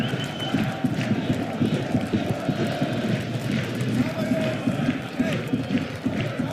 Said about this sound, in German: Stadionsprecher macht wieder richtig Bambule da am Mikrofon. Versucht die Würzburger nach vorn zu brüllen, die Zuschauer zu animieren.